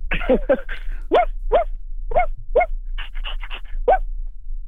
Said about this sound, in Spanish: Como un perro chiquito, ¿no? Como un perro. Es un perro pequeño.